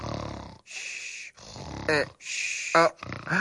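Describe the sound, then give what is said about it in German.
A voice imitates snoring: a few rough, rasping snore breaths in a row, separated by short pauses, ending with a couple of throaty snorts. “Jetzt wird mir alles klar. Ich hab geschnarcht.”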